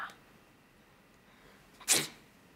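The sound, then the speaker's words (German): A single sharp, loud sneeze bursts out near the end, after a stretch of near silence. “Gesundheit.”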